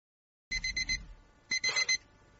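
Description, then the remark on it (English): A digital watch alarm beeps at five to five in quick bursts of high, thin tones, two short clusters separated by a brief pause, fairly loud with no talking. “Oh, the alarm's going on my digital watch.”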